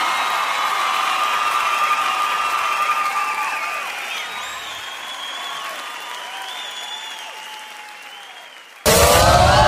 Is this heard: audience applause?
yes